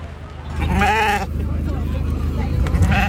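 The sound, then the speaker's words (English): A Blue Texel gimmer sheep at an agricultural show lets out a loud, quavering bleat, followed later by a fainter bleat, over a steady low rumble and indistinct crowd murmur. “lifting the rosette in the sheep is Fraser Leslie of Odenstone. Pure blue Texel Gimmer”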